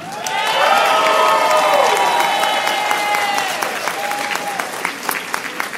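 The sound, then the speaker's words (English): A crowd bursts into steady applause for the companies Q Health and Allume, with rising whoops and cheers layered over the clapping; the cheering thins out after a few seconds while the clapping continues, gradually growing more scattered. “Let's raise a cheer for Q Health and Allume.”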